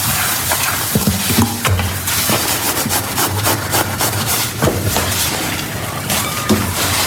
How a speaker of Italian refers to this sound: Ha scritto: sta lavando i piatti? Non lo so. In cucina?